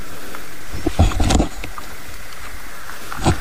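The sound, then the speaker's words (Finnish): A common toad croaks in a low, rough burst lasting about half a second, followed by a few faint clicks over a steady background hiss. “Joo, tuo taitaa olla rupisammakko omalla osuudella siellä.”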